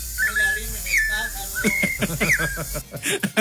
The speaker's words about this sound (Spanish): Ya está escuchando el trinar de los pajaritos, hombre.